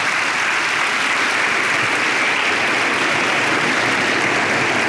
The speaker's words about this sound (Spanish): Amén. Dele palmas al Señor.